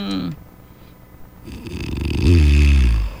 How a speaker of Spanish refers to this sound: Chale, hasta con todo y ronquido integrado.